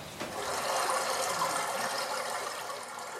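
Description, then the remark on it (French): A river rushes over stones and pebbles in a steady, continuous babble, moderately loud, with a bright gurgling texture and no voices. “La rivière produit un murmure continue en glissant sur les pierres et les galets.”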